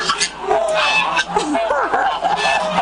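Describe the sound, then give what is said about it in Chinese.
Lion-head geese, farmed in Chaoshan, Guangdong, China, honk repeatedly in a busy, overlapping chorus, the calls fairly loud. Faint voices can be heard underneath the flock noise. “在广东潮汕，狮头鹅的养殖历史悠久，”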